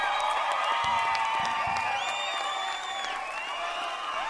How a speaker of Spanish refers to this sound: aplauso a la dinamita.